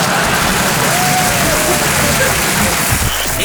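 Loud, steady audience applause, a dense wash of clapping that holds at the same level for a few seconds, with some voices mixed faintly into the noise.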